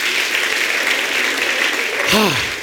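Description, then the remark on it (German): Steady, dense applause from a crowd at a poetry slam fills the whole stretch, with a brief shouted voice or cheer rising near the end over the clapping. “Ja, yeah, Applaus für euch selber!”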